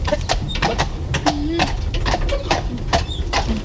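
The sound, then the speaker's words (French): A Breton draft horse being walked in a marsh, its hooves clip-clopping in a steady walking rhythm, with sharp repeated knocks over a low rumbling outdoor background and faint murmuring. “Là, nous, on se promenait avec un cheval de trait, un cheval de trait breton.”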